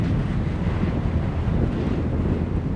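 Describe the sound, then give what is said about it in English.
Strong wind roars steadily across the microphone, a dense low rumble with gusty buffeting that never lets up, loud, with no voices, on a steep mountain ridge. “It's really windy up there.”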